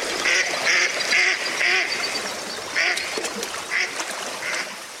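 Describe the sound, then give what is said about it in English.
A mallard duck quacks in a rapid series of loud, nasal calls, about seven in all, with a short pause partway through, set against a steady outdoor background hiss. “Self-defense techniques like these help make the mallard one of the most abundant of all wild ducks.”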